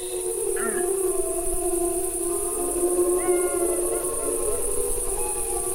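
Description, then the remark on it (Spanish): A pack of wolves howls together in a continuous, overlapping chorus, long wavering adult howls joined by brief higher-pitched yips and rising cries from the young, with a steady high hiss behind. “provocar estos aullidos de los adultos es la respuesta de los jóvenes y los cachorros.”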